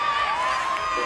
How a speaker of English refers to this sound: Can hear the Tigers fans in the background. Pretty happy with that.